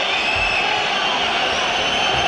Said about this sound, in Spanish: O sea, el sonido de Mestalla en una pausa de hidratación, ¿eh?